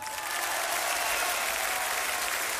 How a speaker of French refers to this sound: Numéro 79, vous pouvez l'applaudir.